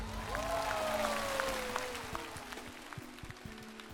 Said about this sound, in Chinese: 我们会记住他的歌声，我们也期待吉吉回到我们的突围赛，掌声再次给他。